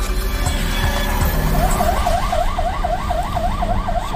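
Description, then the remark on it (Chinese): A police car siren of the Dulongjiang border police station wails in a rapid, regular up-and-down pattern during an evacuation as the Dulong River floods, starting partway through over a constant low rumble of traffic or rushing noise, fairly loud. “在警车里喊话的人是独龙江边境派出所的民警”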